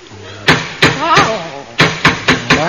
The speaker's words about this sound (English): There's someone knocking at the door. Which side, …? Inside, Inside, Are you knocking to get out, then? No.